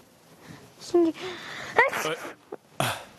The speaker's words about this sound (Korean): 이제는 재채기를 심하게 하면 인간으로 변신되네요.